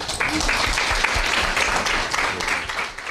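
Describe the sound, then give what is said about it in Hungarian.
A crowd breaks into sustained applause to thank a bishop after a conversation, a dense wash of many hands clapping at steady loudness throughout, with no voices standing out above it. “Köszönjük meg egy nagy tapsal.”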